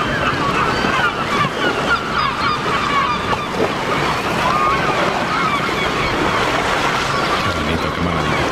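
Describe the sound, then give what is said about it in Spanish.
Sea waves and gusting wind roar steadily and loudly at the port of Malpica on the Costa da Morte, Galicia, Spain, as a storm rises out at sea beyond the breakwater, while gulls cry repeatedly above the din. No one speaks. “Aquí dentro, detrás del espigón, el agua está tranquila, las gaviotas gritan tranquilas y al fondo se está levantando un temporal.”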